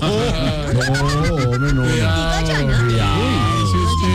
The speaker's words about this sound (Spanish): ¿Qué pasó? ¿Una ambulancia? Pues sí. Sí, claro, una ambulancia, yo me imagino que es lo único que les queda en la torre de la nueva EPS, ole.